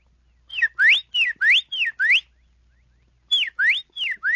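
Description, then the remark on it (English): A whistled imitation of a Carolina wren song: loud, clear two-note phrases, each a falling then rising slur, repeated three times, a brief pause, then two more phrases. “And a Carolina wren.”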